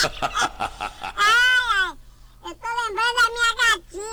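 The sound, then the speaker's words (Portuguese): A person mimics a cat meowing after a quick burst of talk: one long, wavering meow, a brief pause, then a second drawn-out meow with rising and falling pitch, loud. “Meu Deus, pai, tá imitando gato de novo aqui no programa?”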